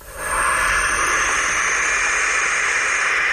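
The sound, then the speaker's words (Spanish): Nocturnal bird chicks make a long, harsh hissing snort, a steady breathy rasp that rises quickly and holds loud for about three seconds, with no voices. “Es una especie de resoplido como si fuera una serpiente muy enfadada.”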